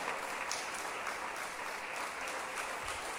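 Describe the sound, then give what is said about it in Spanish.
A church audience applauds for the word of the Lord during a sermon, a dense, even wash of many hands clapping at constant loudness with no voices standing out. “¿Cuántos le damos un aplauso a la bendita palabra del Señor?”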